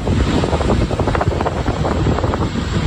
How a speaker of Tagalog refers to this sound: Dinig ang malakas na tunog sa pagbagsak ng makapal na abo sa ilang lugar.